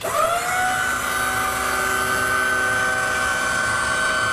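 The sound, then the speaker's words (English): A lift motor runs with a steady mechanical whine. Its tone rises briefly at the start, then holds level over a constant broad hum, with no voices. “A drill or a something? No, it's a lift.”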